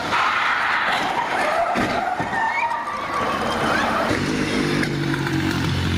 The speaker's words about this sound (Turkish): Sanki bina yıkıldı, öyle bir ses. Ambulans Yavuz Selim Caddesi'nde ilerlerken Fevzi Paşa Caddesi kesişimindeki bir otobüsle çarpıştı. Devrilip sürüklenmeye başladı. İstanbul Fatih'teki kaza anı güvenlik kameralarına yansıdı.